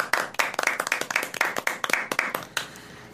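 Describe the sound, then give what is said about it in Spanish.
A small audience at a religious gathering claps for a woman who has just spoken, in a quick, steady rhythm, each sharp clap distinct, continuing evenly for a few seconds with no voices. “Un aplauso para ti.”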